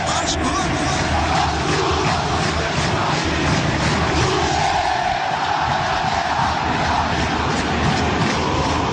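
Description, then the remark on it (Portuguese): A huge stadium crowd of fans at São Januário sings the anthem of Clube de Regatas Vasco da Gama after the match, joined by the players on the pitch, in a dense, roaring, continuous wall of voices, loud and steady throughout with a faint melodic swell riding on top of the noise. “Lá no campo, os jogadores e a torcida aqui na arquibancada cantando o hino do Clube de Regatas Vasco da Gama.”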